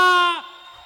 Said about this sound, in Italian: Allora qua c'è un buco e a me, vabbè, a me i buchi piacciono ma non così grandi, quindi un po' più avanti perché voglio sentire il vostro urlo.